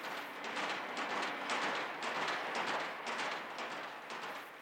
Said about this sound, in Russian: Кому-то оглушительной артиллерийской канонадой, кому-то звуком ревущего бомбардировщика, кому-то настороженной тишиной, а кому-то вот таким стуком вагонных колес.